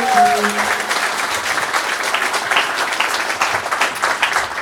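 A concert audience breaks into steady, dense applause as two women are invited onto the stage, carrying on at a fairly even loudness for several seconds, with a brief tonal note audible at the very start.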